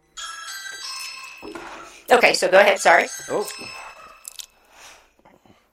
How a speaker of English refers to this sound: Sorry. Somebody's ringing my doorbell. So let's wait for that to stop.